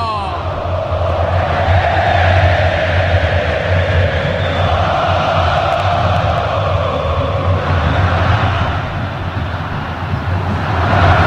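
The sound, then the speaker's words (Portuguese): A huge stadium crowd of Galo fans at Arena MRV roars without pause after Maicon's goal makes it Galo 1, Bragantino 1, a dense wall of cheering and shouting that stays loud and steady throughout, with a low rumble underneath. “Classificando com esse gol, a torcida vira um pandemônio na Arena MRV. Escutem só!”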